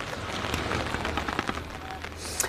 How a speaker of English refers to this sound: Bit of rain there. Bring in the umbrella.